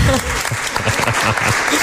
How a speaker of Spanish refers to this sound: Un aplauso